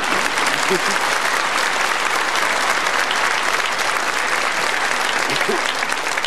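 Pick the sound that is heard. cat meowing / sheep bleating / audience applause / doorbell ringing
audience applause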